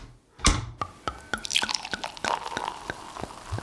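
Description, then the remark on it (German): Water drips steadily in a sauna at a luxury hotel in Vienna's Josefstadt, a string of sharp, clicky drops landing every third of a second or so over a soft hissing background, with one louder splash near the start. “In eine Sauna schickst mich nie wieder”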